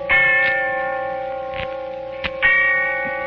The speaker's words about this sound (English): And the sound of the bell tolling away in the darkness of early evening.